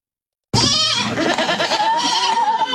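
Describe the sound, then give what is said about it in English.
After a brief silence, baby goats at a mobile petting zoo in Iredell County, North Carolina bleat loudly, a wavering, quavering cry that carries on for about two seconds, with no one talking. “Baby goats with rabies at a mobile petting zoo in Iredell County, North Carolina.”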